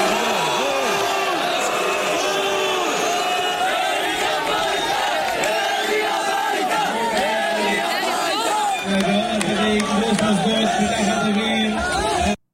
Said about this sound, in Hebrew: אני רוצה שנספיק מחבר הכנסת מלכיאלי לדבר על עוד קולות שעולים מתוך העצרת הסוערת הזו בבני ברק, שמזכירים את שמו של ראש התנועה אריה דרעי.